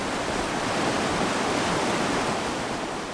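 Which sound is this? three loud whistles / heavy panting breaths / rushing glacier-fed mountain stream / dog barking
rushing glacier-fed mountain stream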